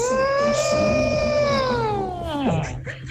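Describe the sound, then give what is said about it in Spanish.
A person imitates an elephant trumpeting as the elephant in a Noah's Ark routine on Tropicana: one long, loud, strained vocal blast with a slowly wavering pitch that drops sharply at the end. “Y va diciendo, me hace falta el elefante. Y el elefante hizo...”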